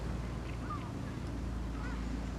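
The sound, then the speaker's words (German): A small motorboat with a dog aboard putters steadily through a lagoon in the morning, shortly before the ebb tide, its low engine drone continuous, with faint wind and a few brief bird calls above it. “der mit seinem Hund Flasher morgens durch die Lagune tuckert, kurz bevor die Ebbe das Wasser schluckt”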